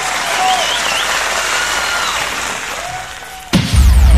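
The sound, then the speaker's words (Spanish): Sustained applause from a large crowd, dense and steady with faint whistles or cheers rising over it, then cut off abruptly and replaced by a louder burst of different sound at the end. “aplauso bien bonito.”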